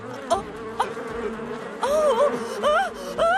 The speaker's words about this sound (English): Bee! A bee! Go away! Go away!